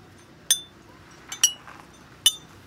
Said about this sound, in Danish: Men den er jo altså fremført på de her champagneflasker.